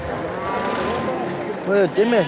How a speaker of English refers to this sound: It's Sunday, and there's a livestock market in the town of Karakol.